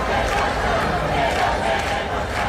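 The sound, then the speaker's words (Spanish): A dense crowd of protesters, part of hundreds of people camping out in protest, chants and shouts together in a steady, loud roar of many overlapping voices, with no clear pauses over a couple of seconds. “imágenes y vídeos como este que escuchamos llenan pues el resto de redes. Porque, ya lo estamos contando, cientos de personas han acampado en protesta”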